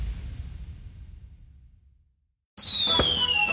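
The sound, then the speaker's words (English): Fireworks bursting: a deep booming rumble fades into a brief silence, then a high whistling shell streaks out amid crackling and ends in a sharp, loud pop. “Fireworks Over Florence returns Saturday, July 4th at the Florence Soccer Complex.”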